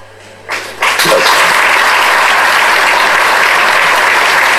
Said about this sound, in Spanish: El aplauso para él.